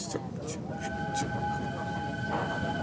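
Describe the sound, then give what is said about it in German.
A railway train in Snowdonia National Park running with a steady, heavy rumble, thin high-pitched metallic whines drawn out over it, and repeated brief hissing clatters giving a loose rhythm. “Alle Musik hat den gleichen Rhythmus wie die Eisenbahn.”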